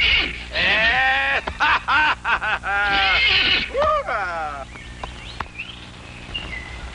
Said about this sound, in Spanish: Ese es mi caballito.